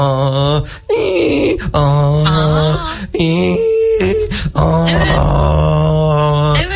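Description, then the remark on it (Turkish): A human voice imitates a donkey's bray, a loud, strained hee-haw repeated several times in a rough rhythm, swinging between a higher wheezy tone and a lower groaning one. “Hiha yapan eşek duymadım hiç.”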